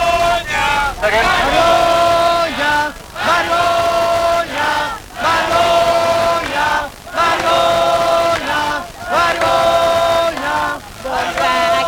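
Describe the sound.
A large crowd in a square shouts "shame" (vergonya) in unison, a rhythmic chant repeated in bursts of about two seconds with brief dips between, loud and sustained, voices blending into a harmonic roar.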